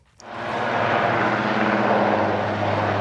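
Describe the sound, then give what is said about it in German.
A helicopter roars overhead as officers of the German special unit GSG 9 rope down from it onto a Federal Police boat in an afternoon demonstration. Its loud, steady engine and rotor drone rises quickly and holds, with a low throbbing hum underneath and no voices. “6 Beamte der Spezialeinheit GSG 9 seilten sich am Nachmittag aus einem Hubschrauber auf das Einsatzboot Bamberg der Bundespolizei ab.”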